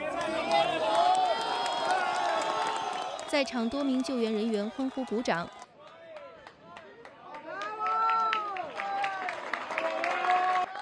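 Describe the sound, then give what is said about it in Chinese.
A crowd of rescue workers cheers and applauds loudly at the ruins of a hotel in Pereira, Colombia, as a woman is rescued after about 36 hours trapped following an earthquake; overlapping shouts and excited voices, the clapping thinning after a few seconds while people keep calling out and talking. “在场多名救援人员欢呼鼓掌。”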